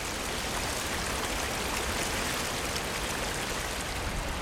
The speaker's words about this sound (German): Der Veliki Slap, der große Wasserfall. Über 78 Meter fällt das Flüsschen Plitvica in den Canyon, den sich das Wasser gegraben hat.